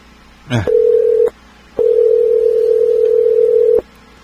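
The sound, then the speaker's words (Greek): A steady electronic telephone tone sounds in two bursts, a short one then a longer one, separated by a brief pause, after a quick click, like a ringback tone on an unanswered line. “Δεν απαντάει ρε παιδί μου, γιατί, για να δούμε, τι γίνεται εδώ πέρα.”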